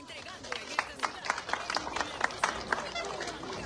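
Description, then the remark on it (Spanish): Audience applause for the director of the Colegio Nacional 9 de Diciembre: a steady run of sharp, crisp claps at a brisk, slightly uneven rhythm, moderately loud, over a low murmur of crowd noise. “Fuertes palmas para nuestro director del glorioso Colegio Nacional 9 de Diciembre.”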